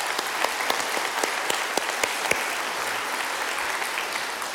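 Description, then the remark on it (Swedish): Steady audience applause with many hands clapping in a dense, crackling wash and occasional sharper claps standing out. It stays fairly even in loudness for the whole few seconds, with no voices. “Så det är verkligen applåd, tycker jag.”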